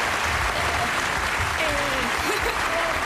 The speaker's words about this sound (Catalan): Bueno, un aplaudiment, yeah, sisplau, al públic, aquí.